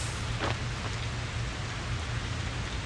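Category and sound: nature, rain falling with thunder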